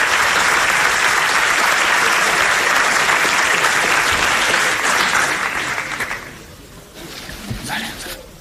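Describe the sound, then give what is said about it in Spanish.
An audience in a hotel auditorium in Madrid gives loud, dense, sustained applause as Florentino Pérez comes out applauding the audience; it fades after about six seconds, leaving a few scattered claps at the end. “Y ahora sale Florentino Pérez aplaudiendo al auditorio en este hotel de Madrid.”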